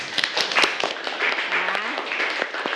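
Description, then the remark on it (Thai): A group claps together for two groups, in a dense, steady burst of overlapping hand claps that continues for about three seconds at moderate loudness, with a faint voice briefly audible underneath. “โอเคปรบมือให้กับทั้งสองกลุ่มเลยค่ะ”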